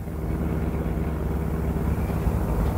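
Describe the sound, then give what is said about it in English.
A steady low engine rumble hums continuously, like a car cruising along at an even pace while driving uptown into a city, loud with no voices over it. “The best place I know for getting lost is the heart of the city, so we pile into my car and drive uptown.”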